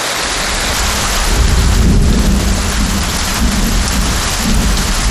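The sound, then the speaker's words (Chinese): Heavy rain pours in a dense, steady hiss while deep thunder rumbles and rolls low underneath, loud and continuous throughout, with no voices. “本地普降大道报雨，最大降雨出现在九道港”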